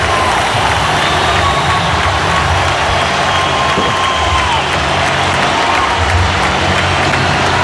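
A stadium crowd of some 45,000 to 50,000 people at the Spotify Camp Nou stands and gives a sustained ovation for Rodrigo Hernández Cascante (Rodri), dense applause and cheering holding a steady, loud wash of noise for several seconds with no break.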